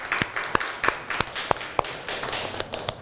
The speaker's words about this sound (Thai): ต่อไปค่ะเราจะไปสู่ตัวแทนนักเรียนคนที่2ค่ะถ้าพร้อมแล้วขอเสียงปรบมือให้ตัวแทนนักเรียนหน่อยค่ะ